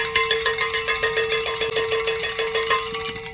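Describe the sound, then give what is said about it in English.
Hand bells rung by men clang continuously in a rapid, jangling rhythm, their bright metallic tones ringing over one another at a steady, fairly loud level, with no voices. “Pick up those bells, gentlemen.”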